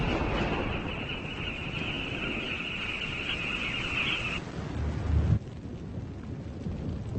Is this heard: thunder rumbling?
yes